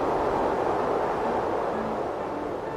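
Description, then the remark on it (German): Strong wind blows steadily outdoors on an open-air stage, a loud, dense rushing roar with low rumbling gusts and no voices, holding nearly constant for the whole stretch. “Da bläst es aber ordentlich. Wind statt Klavier.”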